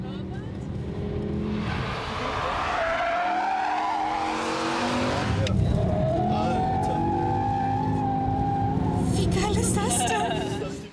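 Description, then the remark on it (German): Cars race on the Nordschleife of the Nürburgring, roaring past with rising and falling engine notes, tires squealing and skidding through corners, a steady loud mechanical drone throughout. “Auf dem Nürburgring fahren seit Jahrzehnten ehemalige Profirennfahrer, wagemutige Touristen über die Nordschleife.”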